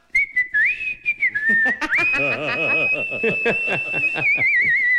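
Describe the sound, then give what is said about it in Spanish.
On a radio show, a person whistles a long, warbling, birdlike trill imitating a canary, sustained and wavering in pitch, with soft chuckles and breathy laughter mixed in. “ya le vamos a poner el canario en la radio.”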